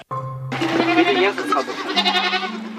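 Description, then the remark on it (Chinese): Several goats, from a pen of several hundred on a mountain, bleat loudly and almost continuously in overlapping, wavering cries over a steady low hum. “山上安静敞亮，让老两口不愿离开的更重要的原因是山上圈里的几百头山羊。”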